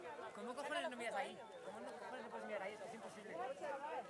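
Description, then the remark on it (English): A crowd watching a solar eclipse low on the horizon cheers and chatters excitedly, many overlapping voices rising and falling in pitch as a steady, lively hubbub with no single voice standing out. “You may have heard cheers around me.”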